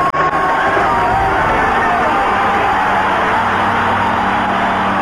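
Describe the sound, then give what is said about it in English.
A stadium crowd of about 90,000 people on their feet roars and cheers as an American woman runner from Maine emerges from the tunnel into the Olympic stadium, a dense, loud wash of many voices with scattered whoops and shouts rising out of it, holding steady for the whole stretch. “We'll come through that tunnel and listen to the crowd as she emerges.”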